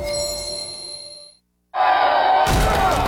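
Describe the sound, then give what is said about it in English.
A fading, bell-like ring gives way to a brief silence, then steady driving noise before a rock smacks a car windshield with a loud, sharp impact. “Uh-oh, that rock just blitzed your windshield like a linebacker on espresso.”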